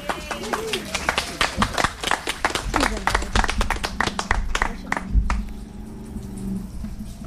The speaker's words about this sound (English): And I'll give that a round of applause